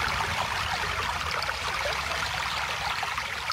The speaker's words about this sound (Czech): Slyšíš, Potůčková víla? Už zase bublá tvůj potok.